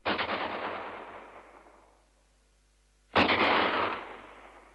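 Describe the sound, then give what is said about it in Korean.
Two distant gunshots about three seconds apart, fired as an air-raid warning from a mountain, each a sharp crack followed by a long rolling echo that fades slowly, with no voices. “저쪽 산에서 공습경보 총소리가 울립니다.”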